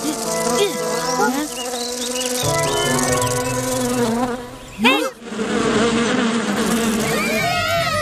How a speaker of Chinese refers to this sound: 小蜜蜂， 走开走开。 啊，那不是蜜蜂，是马蜂。